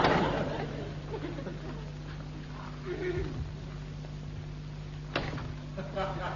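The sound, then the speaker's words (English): A house door is pushed and pulled the wrong way without opening, giving a couple of sharp knocking thuds and rattles over a steady low hum, with faint muffled vocal sounds in between. “I could have sworn that door opened the other way.”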